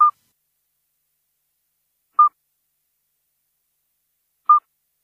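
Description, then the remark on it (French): A midwife toad calls three times, each a short, pure, fluting note around a kilohertz, spaced evenly about two seconds apart in otherwise complete silence. “Mais attention, on peut confondre le chant du petit duc d'Europe avec celui du crapaud accoucheur que l'on écoute là.”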